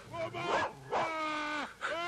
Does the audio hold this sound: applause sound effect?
no